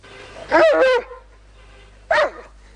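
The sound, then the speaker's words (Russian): A dog growls in two short, wavering bursts, a longer one followed by a brief one after a pause. The sound is fairly loud, with no talking. “Что ты рычишь? Ну что ты рычишь?”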